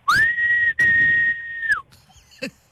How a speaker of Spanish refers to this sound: Yo crecí con el chiflido de mi mamá, que es así.